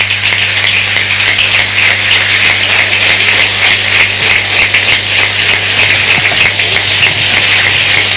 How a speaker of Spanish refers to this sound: Fuerte el aplauso.